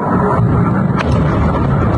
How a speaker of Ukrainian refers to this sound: Це перші хвилини після влучання російської ракети. Вночі на 6 липня на складі, куди поцілили окупанти, починають вибухати боєприпаси.